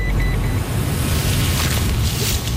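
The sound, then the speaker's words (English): A steady rumble of a truck engine running continuously, with low-end road noise and a faint whir, as the truck, loaded with bait-station tools and bait pellets, drives off to a walking track on Mount Victoria; no voices. “She loads everything into the truck and we head off to a walking track on Mount Victoria, which is an area covered under phase two.”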